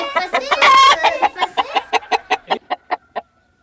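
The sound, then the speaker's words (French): A brief rooster crow opens, followed by a steady run of about a dozen sharp hen clucks that grow softer and fade out. No one speaks. “Et les coqs chantaient. Et les poules gloussaient.”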